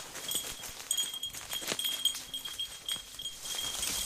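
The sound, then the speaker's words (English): The small bell on Wheeler, a dog, jingles faintly in light, irregular tinkles as he walks and slows down, over soft rustling and shuffling with no talking. “Wheeler's little bell slows down.”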